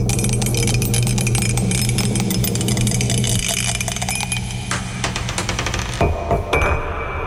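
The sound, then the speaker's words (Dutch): A die rattles and clatters in a fast, continuous run of sharp clicks for several seconds, fairly loud, then settles with a few separate knocks. No one speaks. “Dobbelsteentje is er klaar voor. Daar gaan we.”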